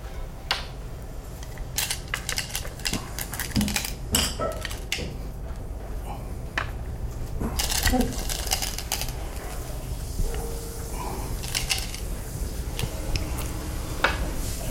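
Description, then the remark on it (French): Sharp, hard clicks of Go stones striking a wooden board, coming at an irregular pace with some quick clusters, over a low steady background hum. “Le bruit compte beaucoup dans Go.”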